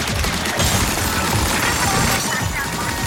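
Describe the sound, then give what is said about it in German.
Dense, nonstop gunfire in a colorful, over-the-top shooter video game set on an island with giant fish enemies: rapid shots pile into a loud, chaotic barrage with booms and crashes mixed in, never letting up for the whole few seconds. “Aber trotzdem eigentlich ein Shooter, so ein Ballerspiel.”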